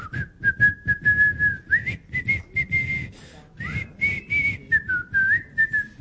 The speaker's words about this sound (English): They could tell when Omar's coming due to people shouting, "Omar's coming," and also because they could hear him whistling what tune? Is it The Farmer in the Dell?